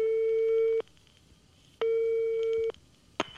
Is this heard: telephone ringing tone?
yes